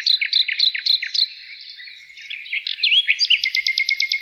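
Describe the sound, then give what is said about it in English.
A bird sings a bright, rapid song of repeated chirps and warbled notes, ending in a quick run of evenly spaced high trills, with no talking. “And somebody else said, bird songs that get Tom fired.”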